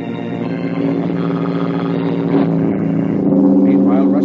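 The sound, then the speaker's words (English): A steady engine hum from a car drawing nearer, its low droning tone swelling slightly louder toward the end as it approaches. “A car approaches.”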